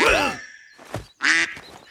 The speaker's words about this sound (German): Da steht plötzlich eine quakende Ente vor Halvar.